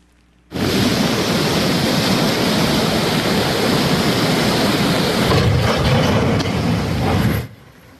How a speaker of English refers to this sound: As you see these live pictures play out, I want everyone at home to listen to how strong the water was raging there on the Guadalupe River.